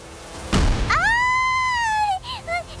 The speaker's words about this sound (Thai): ฉันกลัวฟ้าแลบฟ้าผ่าที่สุดเลย